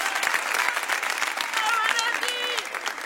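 Loud, sustained applause from a crowd, dense clapping filling the whole stretch with some whistles and cheers rising above it.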